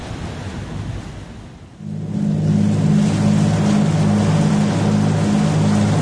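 Rough, continuous wash of choppy sea water, joined after a couple of seconds by a steady, droning small-boat motor. The engine hum stays loud and even to the end, with no voices.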